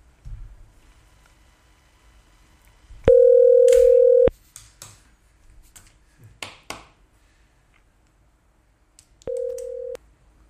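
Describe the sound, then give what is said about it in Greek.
A steady electronic telephone tone of an incoming call rings out loud for about a second, falls silent amid faint clicks and shuffling, then sounds again briefly, clear with no talking. “Λοιπόν, τηλέφωνο.”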